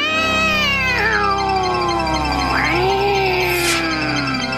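An angry cat growls and yowls in a long, wavering, drawn-out cry that rises and falls in pitch, with a short sharp hiss near the end. Loud, with no talking.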